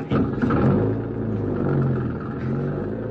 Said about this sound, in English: Yeah, and there's the car. Start her up and go down the roadway. Then we can turn around and come back.